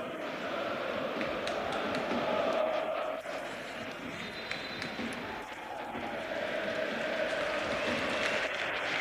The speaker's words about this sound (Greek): Και έχουμε αλλαγές από ό,τι βλέπω. Έξω ο Γκονζάλες, ο οποίος χειροκροτείται από όλο τον Γεώργιο Καραϊσκάκης, και στη θέση του μπαίνει ο Ρόμαν Γιάρεμτσουκ στην επιστροφή του.